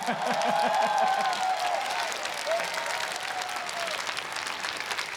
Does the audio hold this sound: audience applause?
yes